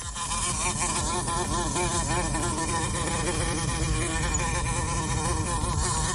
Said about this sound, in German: Vespula vulgaris, so nennt der Biologe sie. Wir nennen sie auch gerne schon mal, hau ab, du nervendes Viech, die Wespe.